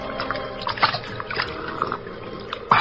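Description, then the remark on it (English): Wet slurping and gulping as a large man lies at full length on the bank and greedily drinks from the Salinas River in California in the late evening, with lapping and small splashes over steady flowing water and a sharper splash at the very end. “Two men scramble down the bank to the water's edge, and the larger of the two, an ungainly giant of a man, throws himself at full length and greedily drinks from the river.”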